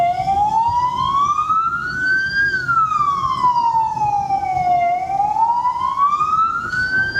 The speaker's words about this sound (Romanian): În toată harababura din intersecție, haosul devine complet în momentul în care se aude o sirenă de ambulanță sau poliție.